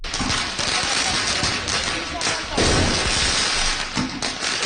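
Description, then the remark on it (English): Sharp firecracker bangs crack out a few times as student protesters launch firecrackers at riot police in a Paris suburb, over a loud, chaotic street crowd with shouting voices and constant rumbling commotion throughout. “Student protesters launching firecrackers at riot police in a Paris suburb.”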